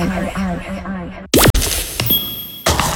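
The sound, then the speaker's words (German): A voice talks briefly, then a sharp, loud burst like a glass Nutella jar's lid twisting free and popping open, followed by a thin high ringing tone and scraping sounds as the spread is put on bread. “Das Glas ist geöffnet.”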